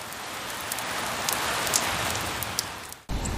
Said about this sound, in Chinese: 话音未落。顷刻间，天空雷声大作，电光频闪，一阵强降雨夹杂着冰雹倾泻而下。